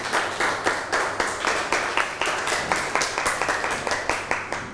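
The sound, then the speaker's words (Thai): A group of people in a classroom applauding a classmate after a group presentation, with steady, rapid clapping that holds an even level for several seconds, with no voices over it. “นั่งลงครับปรบมือให้เพื่อนหน่อย”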